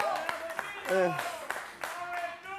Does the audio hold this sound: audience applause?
yes